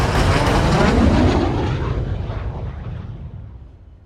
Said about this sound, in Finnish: Helikoptereiden perässä tulee sotilaslentokoneita.